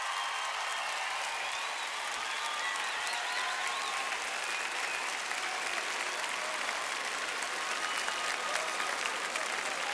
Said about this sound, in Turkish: Ve kadınlar milli voleybol takımına bir alkış gönderelim.